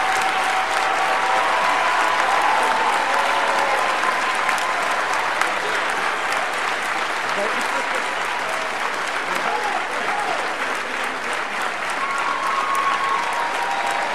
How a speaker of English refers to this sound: If everyone to give a big warm round of applause for some of our young men.